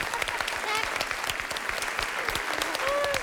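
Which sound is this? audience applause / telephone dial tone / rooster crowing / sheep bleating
audience applause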